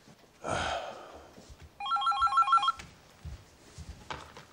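A telephone rings with a rapid, trilling electronic bell lasting about a second, preceded by a brief rustling clatter and followed by faint thumps and shuffling.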